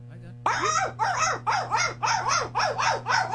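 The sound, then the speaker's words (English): A person imitating the call of African painted dogs: a rapid, evenly spaced series of about seven high, chirping yelp-like calls, loud, repeating steadily over a low background hum. “First are the African painted dogs.”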